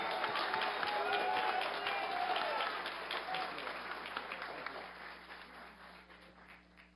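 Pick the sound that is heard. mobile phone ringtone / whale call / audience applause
audience applause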